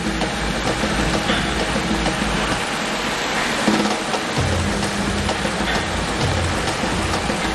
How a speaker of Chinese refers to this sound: 接下来20式枪组将面对的是暴雨的洗礼。这间淋雨试验室能够模拟每分钟3毫米至10毫米的降水量，足以验证枪械在淋雨、溅水、喷水等水环境中的使用情况。